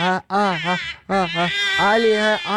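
A baby cries loudly, wailing in several sustained bursts separated by short breaths, with no other voices. The baby is crying at home while its father is on a phone call.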